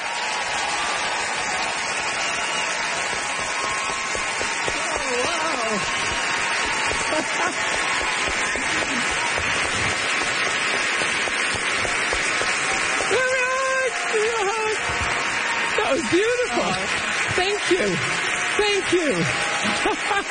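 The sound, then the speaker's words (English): A large crowd claps steadily and loudly throughout, a dense wash of applause that never lets up, with scattered voices and cheers rising through it near the end, welcoming author Louise Penny as the evening's guest of honor. “Great applause, rock applause, and that's how you get to see folks.”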